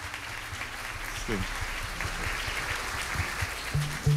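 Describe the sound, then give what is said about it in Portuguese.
A church audience applauds to welcome the deacon on the first anniversary of his ordination, a dense wash of clapping that holds at an even level throughout, with a brief murmur of voices and low tones underneath near the end. “Vamos também acolher o nosso diácono, que hoje faz um ano de ordenação, com a nossa salva de palmas.”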